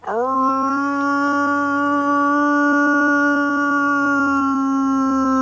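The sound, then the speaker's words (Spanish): A man's voice imitates a wolf howl to call wolves: one long, loud, steady note that rises briefly at the start and then holds evenly for about five seconds, alone. The man lived with a wolf pack in Sierra Morena for 12 years. “Pues yo llamaba a mi padre, que eran los lobos ya.”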